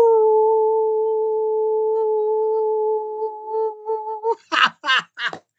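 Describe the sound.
A long, steady howl held on one pitch for about four seconds, likely a human voice imitating it, then cut off by a few short, breathy bursts like laughter.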